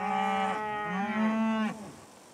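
A single long, loud moo from Longhorn cattle with a rich, harmonic low tone that bends in pitch midway, then tapers off into quiet outdoor background; no one talks. On a farm's meadows with about 100 Longhorn cattle, on a pasture of 12 cows with calves and a large breeding bull.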